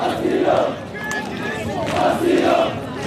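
A large crowd of protesters, people from Sudan, Mali and Senegal, chants in unison on a beach, with one person leading the chants. Their loud voices rise in two rhythmic surges with a brief dip between them, over a steady wash of crowd noise.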